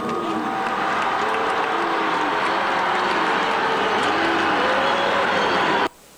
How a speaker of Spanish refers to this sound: No, bueno, pues hasta le cambia la cara nada más escuchar algunos aplausos y algunos bus.